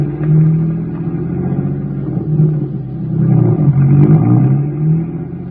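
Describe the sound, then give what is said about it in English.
A car engine starts and runs loud, its low hum rising and falling as it revs and accelerates away over several seconds, with no voices. “Get the car going. Let's get there.”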